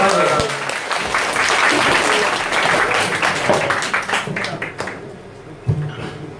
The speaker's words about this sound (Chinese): 再次给您掌声欢送一下，对吧？